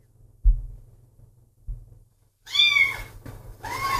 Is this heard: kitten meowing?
yes